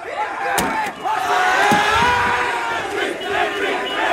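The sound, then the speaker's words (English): A large crowd of protesters clashing with police in Southampton on a Tuesday night shouts and yells continuously in a dense roar of raised voices, with a few sharp bangs and thuds cutting through near the start as bins, bricks and an e-scooter are thrown at police. “On Tuesday night, protesters clashed with police in Southampton, the city where Novak was killed.”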